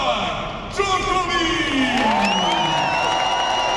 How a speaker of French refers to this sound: Dans les tribunes bien garnies du Philippe Chatrier, le public rugit dès l'entrée sur le court d'un seul homme.